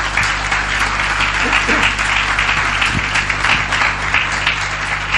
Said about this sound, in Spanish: ¿Quiere darle un aplauso al Señor y a su palabra?